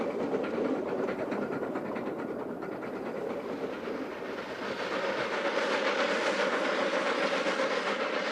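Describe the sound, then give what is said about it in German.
The Mountain Wanderer steam train, headed by two Garratt locomotives, each with two separate engine units, runs on Sandstone's narrow-gauge line in South Africa with a loud, continuous rumble and hiss, layered with fast rhythmic clattering. It swells slightly toward the end, with no voices. “Vor diesem Zug stehen zwei der legendären Garretts, nach ihrem englischen Konstrukteur benannte Lokomotiven mit zwei separaten Triebwerken.”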